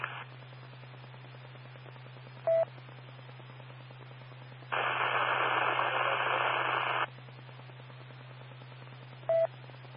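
Steady radio static hisses throughout, with a low hum beneath, brief clicks of a keyed transmitter, and a louder two-second burst of noisy carrier in the middle where a weak signal from another station trying to get in fails to come through.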